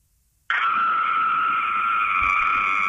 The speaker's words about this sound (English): It's a good scream. You're definitely a mum.